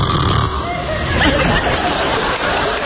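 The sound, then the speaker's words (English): A man's voice imitates loud, rasping snoring, a continuous throaty rattle with snorting edges and no pauses in between, part of a comedian's stand-up bit about husbands who snore. “comedian … talks to wives about husbands who snore. Some of them scarier.”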